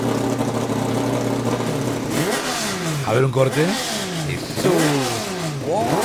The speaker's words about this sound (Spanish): Se están preparando los motores, mirá. ¡Qué bueno!